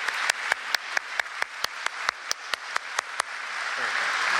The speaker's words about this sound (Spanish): adelante, un aplauso. Bienvenido.